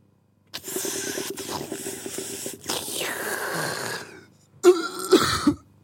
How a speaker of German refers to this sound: In dein Mikrofon husten.